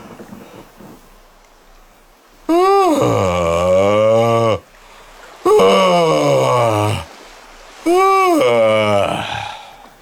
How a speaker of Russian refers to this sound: Вот. Это как бы корабль уже сошел со стапелей, угу. И он успокоился. И пошло. Это зевок, который отправляет как бы в добрый путь.